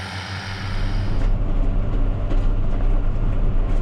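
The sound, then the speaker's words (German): A tractor engine drones steadily while mowing grass in a meadow, a deep low rumble with mechanical clatter that swells in the first second and then holds constant, with no voices. “Und ich habe dann heute auch mal die Gelegenheit, selber Trecker zu fahren und kann meinen Gedanken ein bisschen nachhängen und genieße das heute hier in der Wiese Gras zu mähen.”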